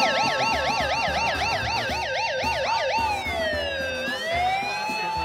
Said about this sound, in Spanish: ¡Ah, la alarma! ¡Es que ando con el micrófono!